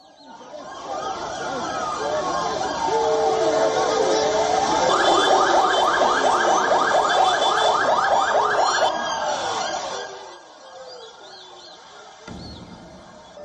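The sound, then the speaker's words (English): A massive crowd at an anti-illegal immigration protest in Johannesburg roars in a dense, continuous hubbub of many voices, with a wavering siren-like wail and rapid shrill pulses rising above it before the noise drops away near the end. “Massive crowds gathered in Johannesburg as anti-illegal immigration protests gain momentum.”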